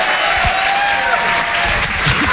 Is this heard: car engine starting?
no